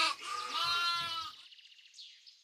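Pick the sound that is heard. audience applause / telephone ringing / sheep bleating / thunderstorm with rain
sheep bleating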